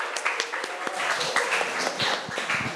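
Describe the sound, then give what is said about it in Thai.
A class of people claps loudly for their class leader for nearly three seconds, a dense, steady patter of hand claps at moderate loudness with no talking over it. “หรืออยากได้การโอ้ยยกมือแล้วไม่ต้องสุ่มเลยจากหัวหน้าห้องนะคะเอาปรบมือดังๆให้หัวหน้าของเราหน่อย”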